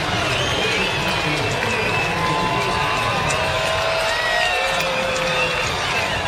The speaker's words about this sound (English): That's a two-run homer by Tyler Fitzgerald. First overall homer of the series and season for Tyler Fitzgerald. And that'll put a charge into this crowd as the Comets cut the deficit to 7-3 here in the fifth inning.